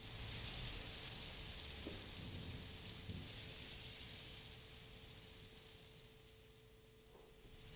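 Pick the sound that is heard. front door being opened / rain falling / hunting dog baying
rain falling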